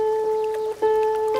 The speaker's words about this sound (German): Wir paddeln auf dem dunkelbraunen, gemächlichen Strom.